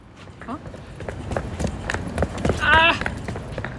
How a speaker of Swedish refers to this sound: Ljudet av en rullväska. Exakt, det är du. Du, vi kör på. Du får gå lite här på asfalten.